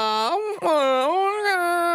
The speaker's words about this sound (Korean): 왜 이렇게 아기가 슬프게 올까요?